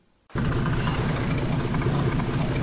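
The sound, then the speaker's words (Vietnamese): After a moment of quiet, loud fishing boat engines rumble in at Đề Di fishing port, Gia Lai province, a deep, steady low drone blended with a rushing hiss of sea waves that continues without pause and without any voices. “Tiếng sóng biển hòa cùng tiếng máy tàu tại khu vực cảng cá Đề Di, tỉnh Gia Lai.”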